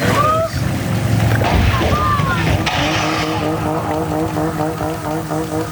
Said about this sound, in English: that powerboat that went aground over the weekend after the operator was ejected from the boat while pulling somebody on a tube, and the boat kept going in circles until it eventually crashed into the shore unmanned. Well, there's audio now of that.